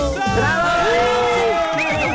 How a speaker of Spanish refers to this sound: ¡Aplausos, silbidos! ¡Besos y abrazos!